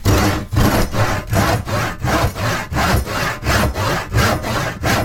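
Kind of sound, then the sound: tool, hand saw cutting wood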